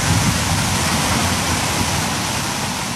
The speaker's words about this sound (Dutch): Daar gaat het water de bak in.